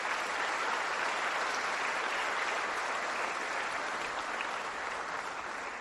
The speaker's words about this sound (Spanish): Démosle un aplauso al barrio Xovel.